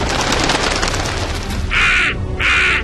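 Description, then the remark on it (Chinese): Two loud, harsh caws from a crow, each about a third of a second long with a short pause between, rising over a steady hiss of background noise. “布鲁虽然很勇敢，但是看到这条双头蛇后，他也不敢轻举妄动，只好又向乌鸦婆婆求助了。”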